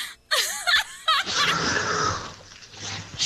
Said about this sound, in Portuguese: tá ficando pior essa tua respiração aí, velho. Olha.